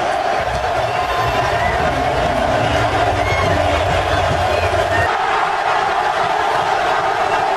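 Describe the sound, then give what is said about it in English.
A huge stadium crowd at SoFi Stadium roars in a dense, unbroken wall of noise that holds steady and loud for several seconds, with a slight drop in the low rumble toward the end. “Roar of that crowd, man, is unlike anything you'll ever hear.”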